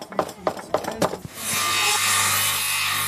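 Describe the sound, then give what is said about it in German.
A few quick, rhythmic scraping strokes of a hand saw or file on wood, then a steady, continuous rasping noise that carries on to the end, at a crafts event around the church in Pooch, Saxony-Anhalt, where children try sawing, carving, hammering and sanding at stations. “Ja, sägen, schnitzen, hämmern und schleifen.”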